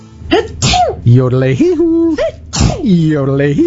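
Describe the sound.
A few loud sneezes, each with a drawn-out, voiced wind-up before a sharp, explosive burst, spread across a few seconds in a theatrical, exaggerated style.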